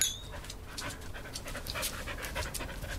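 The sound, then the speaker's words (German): A dog that has been taught to dance pants quickly and steadily, a continuous run of short breathy huffs with no voices over it. “Wie haben Sie eigentlich diesem Hund das Tanzen beigebracht?”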